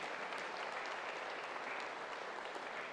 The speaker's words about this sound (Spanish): para quienes damos un fuerte aplauso de felicitación en su día.